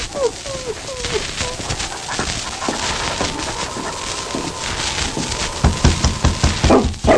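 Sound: dog barking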